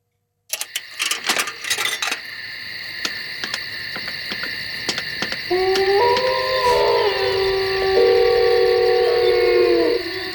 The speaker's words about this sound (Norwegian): Blanding av varulv, eller ulvehyl og telefonoppringning der.